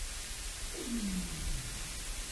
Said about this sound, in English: And then you get the sounds of seals that come through with their kind of whistles underwater that just kind of add to this this very cavernous sort of echoey feeling.